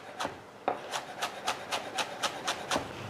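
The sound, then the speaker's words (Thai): Steady knife strokes slicing culantro (sawtooth coriander) on a wooden board for Thai bamboo shoot soup, a quick regular rhythm of about nine crisp cuts, moderately loud with no talking. “ซอยลงไปซุปหน่อไม้เราจะได้หอม”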